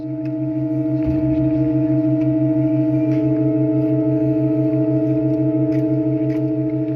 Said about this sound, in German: Interessanterweise spricht die neue Pfeife nicht sofort an, sondern räuspert sich noch 2-3 Sekunden, bis sie präsent klingt. Die Assoziation der menschlichen Stimme liegt nah.